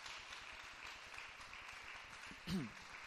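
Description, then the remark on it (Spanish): A crowd claps steadily throughout in applause for the King of Kings, a dense, even wash of many hands, with a brief raised voice cutting through near the end. “¿Cuánto le dan un aplauso al Rey de Reyes con todo su corazón?”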